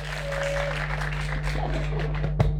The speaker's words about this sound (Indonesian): Beri tepuk tangan.